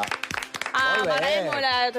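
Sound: studio audience applause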